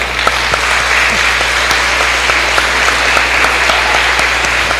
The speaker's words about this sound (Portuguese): nossas palmas para todos os ganhadores.